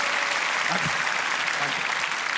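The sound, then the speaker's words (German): Steady audience applause, a dense wash of clapping from many hands at moderate loudness, with faint voices briefly audible beneath it, as audience members aged 40 and over clap in answer to a show-of-applause poll. “Wer von euch ist 40 und drüber? Mal Applaus.”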